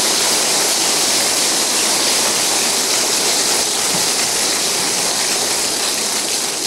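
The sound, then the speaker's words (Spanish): A crowd claps together in a loud, dense, unbroken wash of applause that holds steady for about seven seconds, with no voices rising above it. “Dale otro aplauso.”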